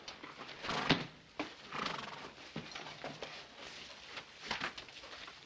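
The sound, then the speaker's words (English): A horse whinnies while hooves clop at an uneven pace, a few sharper hoof strikes standing out against a steady, moderately loud background with no talking. “Take care of your horse?”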